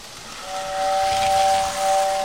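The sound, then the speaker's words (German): A small model steam train lets out a steady, high whistle over a constant rushing hiss of steam, holding the tone for nearly two seconds without any voices. “Das war ja so eine kleine Modelleisenbahn.”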